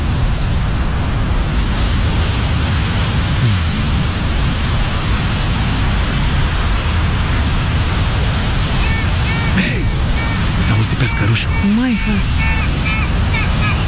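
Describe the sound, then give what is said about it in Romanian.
Sea waves wash and crash against the shore in a loud, continuous roar that never lets up, with a brief voice breaking in near the end. “Rămânem la apă pentru că următorul sunet, valurile mării.”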